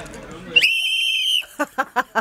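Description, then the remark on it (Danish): People whistle to start an outdoor party in Fælledparken. A loud, steady whistle rings out for nearly a second over a noisy crowd background, followed by a quick series of short, sharp bursts in a regular rhythm. “Det kan være, I lige kan fløjte festen i gang.”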